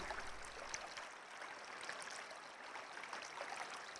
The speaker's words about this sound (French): Mais le chant de la rivière ne s'arrête jamais. Il est si fort qu'aucun d'eux ne parvient à s'endormir.